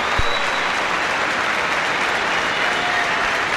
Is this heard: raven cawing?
no